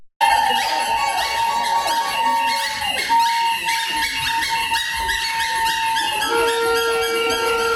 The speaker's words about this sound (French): Donc c'était extrêmement bruyant à ce moment-là, donc on pouvait un peu ressentir vraiment ce sentiment de grogne de la part des manifestants.